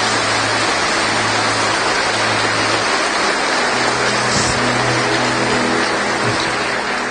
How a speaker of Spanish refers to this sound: Fuertes aplausos a la gloria de Dios.